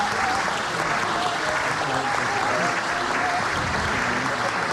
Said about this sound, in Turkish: Efendim koromuzu ve şefimiz Soner Özbilen'i bir kez daha alkışlıyoruz.